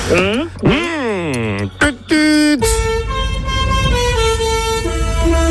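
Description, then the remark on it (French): A truck air horn blares loudly, first in short wavering honks, then one long steady blast held to the end over a low engine rumble. “Un camion. Oui, c'est vrai. Un camion.”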